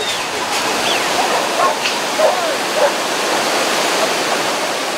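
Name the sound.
rushing mountain torrent water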